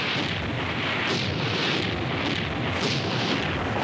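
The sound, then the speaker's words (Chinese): Artillery bombardment, a dense, unbroken roar of rumbling blasts with repeated sharper bursts rising out of the din every half second or so, loud throughout and with no voices. “好，我再给你五分钟，五分钟之后停止炮击，绝不能让鬼子的飞机轰炸我们重炮团的阵地。”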